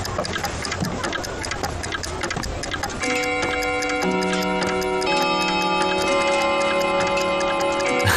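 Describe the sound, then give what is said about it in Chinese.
An old, finely carved clock, shown by a seller to demonstrate its tone, ticks with a dense, rapid mechanical patter for about three seconds, then bright, sustained chime tones ring out and layer over each other, steady and fairly loud, with no talking. “您看这雕工雕得多精致啊，虽然样子是旧了一点，但是我跟你保证音色跟新的一模一样，要不给您试试看。”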